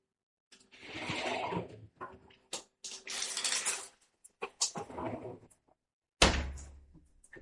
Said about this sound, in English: And that is my shower turning on. That did actually sound quite good.